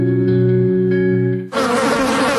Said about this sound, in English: There's nothing more annoying than the sound of insects buzzing around, especially inside your house because your screen door is letting them in.